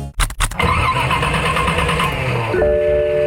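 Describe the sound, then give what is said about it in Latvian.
An old car engine cranks with a few rough, sputtering bursts, then catches and keeps running loudly, a high whine rising over the rumble near the end. “Vecais uzdzen šermuļus? Atvadies no tā! Izvēlies jaunu auto no Mobire.”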